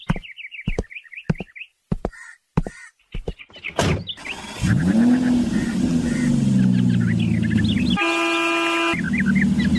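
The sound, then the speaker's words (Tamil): A few quick chirping beeps, then a car engine cranks and starts, rumbling steadily, before a loud, sustained horn honk blares near the end as the car sets off. “கார்ல உட்காருப்பா, போலாமா? ஆ, போகலாம் ராமன்.”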